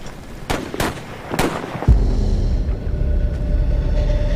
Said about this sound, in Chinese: 我们刚刚听到了枪声，应该是我们派出去的斥候与敌人遭遇了，所以我下令部队停止前进，等待斥候回来禀告。